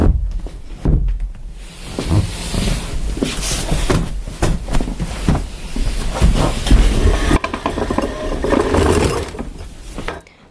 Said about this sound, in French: Attends, je crois que le camion il arrive, tu vois.